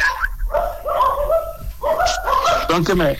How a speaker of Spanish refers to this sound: Que me agarran aquí los perros. O están mordiendo las... Cuidado. Pues también están bravos.